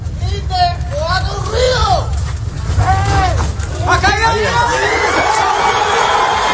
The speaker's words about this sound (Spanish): Pues la exaltación de la gente cuando escuchan ese grito desesperado de como respuesta del hombre que está atrapado ahí entre los escombros y que finalmente han conseguido rescatar.